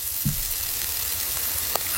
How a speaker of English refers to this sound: does sound like, like a wet food. Yes. No, this is a sizzle of a steak.